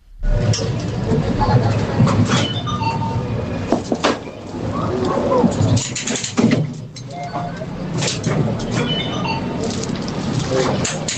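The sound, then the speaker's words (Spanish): A fairground ride at a fair or amusement park rumbles and clatters steadily for about eleven seconds, a dense, loud mechanical roar with scattered metallic knocks and squeals, and a crowd's voices mixed in underneath. “Es una atracción en una feria, en un parque de atracciones”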